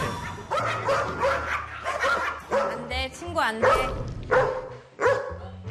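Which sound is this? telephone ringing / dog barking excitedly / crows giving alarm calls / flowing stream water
dog barking excitedly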